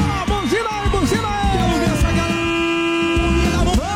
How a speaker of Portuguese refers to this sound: Buzinada, agora chegou o momento de buzinar, vai!